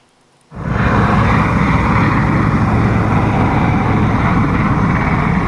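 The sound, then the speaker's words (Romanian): A loud, steady roar of the engines of fighter jets chasing a drone kicks in abruptly after a moment of near silence and holds without letting up, powerful, with no voices. “motoarele avioanelor de luptă care urmăreau drona”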